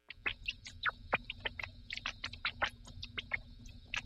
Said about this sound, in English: Here's what a rat laughing sounds like. Okay, you don't have to turn that up. A rat's chirping laughter is actually beyond the range of human hearing. So here's what it sounds like when it's brought down into our auditory range.